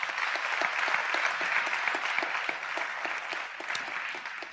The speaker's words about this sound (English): If you believe that, give the Lord a hand clap of praise.